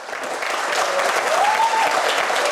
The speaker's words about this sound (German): Mit Applaus und Umarmungen wird Andreas Babler im SPÖ-Lokal in Strebersdorf empfangen.